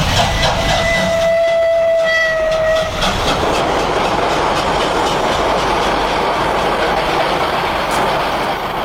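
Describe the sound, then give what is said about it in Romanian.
An electric locomotive sounds a steady horn for about three seconds, then rumbles loudly along the rails, a continuous heavy roar with clattering wheels and no voices. “Ce mică, frate, asta e locomotivă electrică.”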